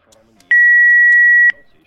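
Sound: telephone beeping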